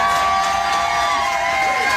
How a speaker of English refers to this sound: The crowd of 400 fans showed him some love as well by singing to him, and he reciprocated.